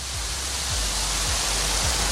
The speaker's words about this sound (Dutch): Ja, het water stroomt nog steeds in de Vecht. Dit is de Stuw bij Juna. En oh, wat is dat Vechtdal toch prachtig. Wat is dat Vechtdal toch mooi. En nog even luisteren naar dat stromende water hier bij de Stuw.